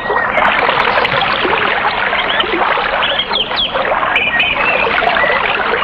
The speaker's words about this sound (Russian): И тогда начался страшный ливень.